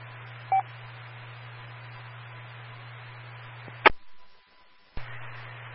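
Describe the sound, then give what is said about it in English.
An old-style radio scanner gives a short electronic beep over steady radio static and hum, then a click as the static cuts out, a faint thin tone holding through the quiet, and another click as the hiss returns. “Yeah, I think that's the radio I got here.”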